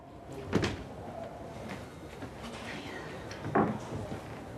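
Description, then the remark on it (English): A door opens with a muffled clunk as someone comes through it, followed a few seconds later by a second thud as it swings shut, set against quiet background noise. “Faith sitting with the devastated Laura when Jodie comes through a door.”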